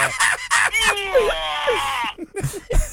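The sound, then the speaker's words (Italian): A loud, strained scream from a caller greeting someone comes through a phone line, held for about a second after a few short vocal bursts, with a thin, compressed telephone quality. “Ti ha salutato. È stato un urlo.”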